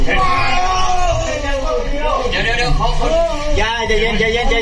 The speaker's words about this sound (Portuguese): Os vídeos mostram a operação dentro da caverna estreita. Dois socorristas tentam puxar um dos homens que grita.